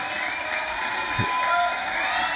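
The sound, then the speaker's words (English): A concert audience in Nashville, on a live album recording, applauds steadily while cheers and a few high whistles ring out over the dense clapping, which stays fairly loud and even throughout. “Just plenty of applause there for the great man.”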